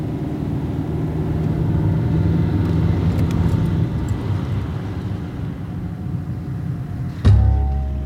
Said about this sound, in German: Fridolin parkt seinen Wagen für alle Nachbarn gut sichtbar in der extra breiten Einfahrt vor dem Haus.